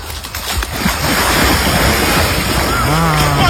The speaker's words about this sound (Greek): Έχω έρθει εδώ στη θάλασσα και θα με δείτε να κάνω βουτιά. Ένα, τρία, δύο, πάμε.